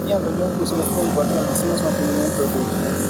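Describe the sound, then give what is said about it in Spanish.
Several motocross motorcycle engines roar at once as a motocross race starts in Chimoré, in a loud, steady, buzzing drone, their wavering pitches overlapping continuously for the whole few seconds. “En este momento tenemos el rugir de motores cuando en este momento sí arranca, señores, esta gran carrera de motocross.”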